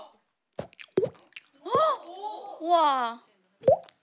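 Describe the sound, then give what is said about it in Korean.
A person imitates water droplets with their mouth as a party trick, making sharp plopping pops followed by wavering, bubbly gurgles that slide in pitch, then a final pop. The sound stands alone with no speech. “자 끝으로 개인기 있으시면 뭐 신이 때나 하던 건데 이제 개인기 개발한 거 있잖아요. 물방울 소리.”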